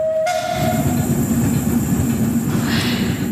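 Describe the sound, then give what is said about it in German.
A hobby-run steam tram rumbles steadily along its rails past onlookers at the roadside in a loud, continuous clatter, with a thin whistle-like tone ringing briefly at the start before fading into the rolling noise. “Die vom Dampftram sind glücklich.”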